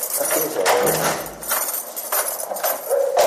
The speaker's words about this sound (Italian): Oggi queste persone vivono in una casa chiusa da reticolati e cancelli nel verde che si apre sui vigneti del Mendrisiotto. Tric-trac di chiavi, passi che risuonano nei corridoi.